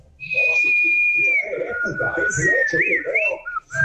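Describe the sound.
A person whistles a sustained, bird-like tone that wavers and trills near the end, clear, while people talk underneath throughout.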